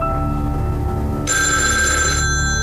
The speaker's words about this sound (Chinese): 您的电话响。